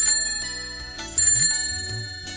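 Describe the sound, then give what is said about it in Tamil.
A bicycle bell on a bicycle someone is arriving on rings in a rapid series of bright, metallic dings, with sustained high tones lingering between strikes; no one speaks over it. “சைக்கிள்ல வர்றேன், கார் எடுத்துட்டு வருவேன்னு நினைச்சிட்டு இருந்தேன் நானு.”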